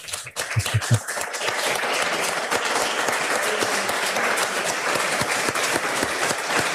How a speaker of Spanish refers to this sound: Y yo creo que bueno, yo voy a pedir un aplauso si me oís. Un aplauso para el cronista de Rioja, por favor.